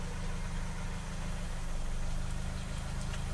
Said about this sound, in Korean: 시동 걸어볼게요. 시동 켜고 2단계 출발.